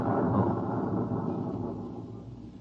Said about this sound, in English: You see, sir, it takes a while for the vibrations of an explosion to travel 3 miles and then reach through 15 feet of concrete.